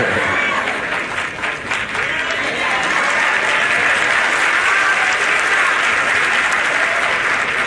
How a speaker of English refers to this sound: I appreciate the half of you that applauded.